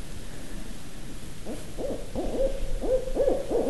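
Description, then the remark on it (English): An owl perched in an eastern hemlock calls repeatedly in a rapid series of wavering hoots and whinnying cries, growing louder, over a steady background hiss with no voices. “And it's not going to stop because it thinks there's another owl here.”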